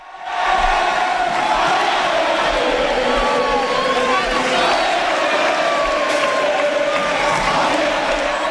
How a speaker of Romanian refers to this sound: Parada formației Blaugrana a început de la stadion pe un traseu plin de fani. Aceștia i-au ovaționat pe fotbaliștii care le-au produs atâtea bucurii în actualul sezon.